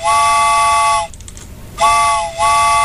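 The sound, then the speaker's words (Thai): A loud train whistle sound effect plays on a radio show in sustained, steady tones, cuts off briefly, then returns in a second blast with a short dip partway through. The tone is bright and multi-toned with no talking. “ชั่วโมงที่2แล้วค่ะคุณผู้ฟังพร้อมขึ้นรถไฟกันหรือยังคะถ้าพร้อมแล้วนะคะตามมาได้เลยค่ะรถไฟมารอแล้วค่ะ”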